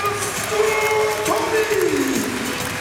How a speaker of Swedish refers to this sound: Och då reser sig publiken upp i Skandinavium. Vi tror att det kan vara uppemot 7000 åskådare idag.